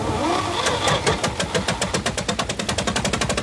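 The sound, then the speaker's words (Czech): A tractor's diesel engine chugs as it tows a car, its loud, rough knocking settling into a steady, rapid rhythm of pulses with no one speaking. “Tak jsem odpojil valník a pod namířenou zbraní odtáhl traktorem auto, které patřilo hrdinovi Sovětského svazu”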